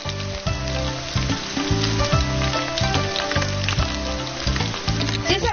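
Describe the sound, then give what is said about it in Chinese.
Cut, blanched pork trotter pieces are pan-fried in oil previously used to fry yellow ginger, sizzling with a steady, dense crackle that holds fairly loud for the whole stretch, while rhythmic background music plays underneath. “猪蹄切块，焯去血沫，再用炸过黄姜的油煎猪蹄块。”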